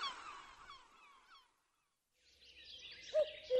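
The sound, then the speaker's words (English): A flurry of squawking seagull calls by the sea, several birds crying over one another for over a second, then a brief silence before more harsh, mewing cries return amid a noisy, breezy background. “"I am a gull, a seaside gull. How do you do, mew? Mew, mew."”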